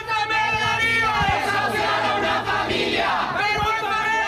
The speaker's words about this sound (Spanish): en medio de los gritos de condena de varias organizaciones y sindicatos.